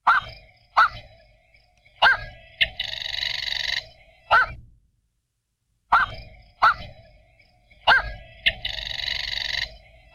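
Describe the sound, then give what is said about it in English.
Black-crowned night heron calls: abrupt, barking squawks in quick clusters, each followed by a longer harsh, buzzy rasp. The sequence plays twice, loud, with no voices. “So be on the lookout for black-crowned night herons if you're down at the coast.”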